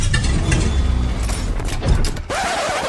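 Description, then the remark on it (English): A car engine rumbles roughly and unevenly, coughing and faltering before cutting out near the end, leaving a thinner mechanical whir behind. “you sure this car will get us home?”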